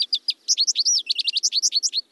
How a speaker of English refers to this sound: Looking out the window and listening for calls and songs can make birding a part of your daily routine.